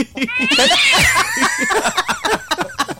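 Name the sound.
cat meowing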